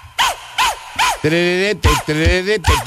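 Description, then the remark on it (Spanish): Short, bright dog barks repeat in a steady rhythm over a song, with sustained sung or synth notes and punchy low drum hits between them. The barks are loud and up front. “¿Cómo lo hace el perro?”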